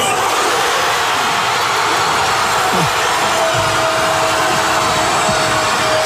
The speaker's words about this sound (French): Explosion évidemment de joie dans toute la ville.